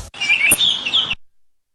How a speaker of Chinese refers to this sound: 叫卖声远了，鸟叫声。